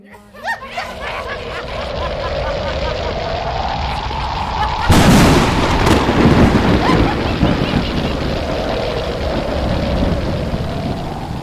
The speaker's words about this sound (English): Suddenly, dark clouds appeared over the camp with Guru. There was a loud thunder and crackling lightning as the forces of destruction were sent towards Guru Tegh Bahadur and the Sikhs.